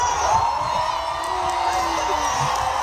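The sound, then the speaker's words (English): A large concert crowd at a show in Paris cheers after being told England just scored in the World Cup, in a dense, steady roar that holds for about three seconds, with scattered whoops and shouted voices rising briefly out of the din. “I can definitely hear someone way in there.”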